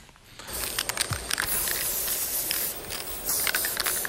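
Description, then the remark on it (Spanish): An aerosol spray paint can hisses, starting after a brief pause and running almost continuously for several seconds with short, uneven surges and bursts of spray. No one speaks. “Cuando coges un spray, pues maravilloso, eras como un superhéroe.”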